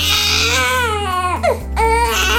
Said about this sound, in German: Oh, ein Baby weint. Im Supermarkt, im Café oder im Zug. Und sofort drehen sich natürlich viele Köpfe um.